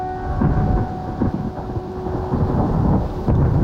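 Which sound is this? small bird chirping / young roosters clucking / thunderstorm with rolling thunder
thunderstorm with rolling thunder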